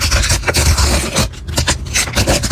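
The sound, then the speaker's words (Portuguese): A packet of World Cup album stickers being torn open: loud, crinkly paper rasping that runs for a couple of seconds, broken by several sharp ripping bursts, with no voices. “Ah, rasgar o pacotinho e abrir as figurinhas da Copa do Mundo.”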